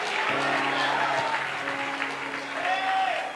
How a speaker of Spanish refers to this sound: Déselo bien dado porque se lo merece. Usted no está aplaudiendo un hombre, usted está aplaudiendo aquel que derramó sangre por usted.